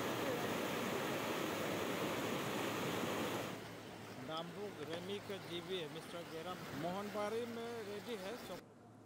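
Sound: rushing floodwater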